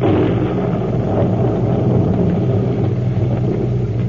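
thunderstorm with thunder claps

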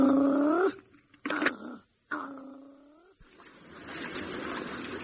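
growling

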